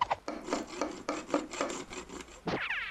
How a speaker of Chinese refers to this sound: 实在不行，装修自己上手。我们把人工省一省。 我们一群人过来先搞装修。 叮叮当当刷地。